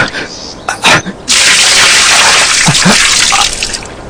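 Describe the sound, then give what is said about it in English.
Water is poured out onto the ground in a steady splashing gush lasting about two seconds, with brief voice sounds just before it and near the end. “Oops! How clumsy of me. Please. Water. There is no water for you.”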